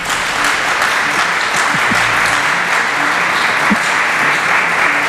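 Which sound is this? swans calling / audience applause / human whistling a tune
audience applause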